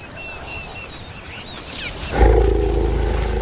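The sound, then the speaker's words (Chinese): Bird chirps and outdoor ambience, then a male lion, one of two males guarding the Ice Water pride, lets out a deep, loud roar that starts abruptly and rumbles on, low and sustained, to the end with no talking. “在这两只公狮的守护下，冰水狮群始终保持着强盛的实力。”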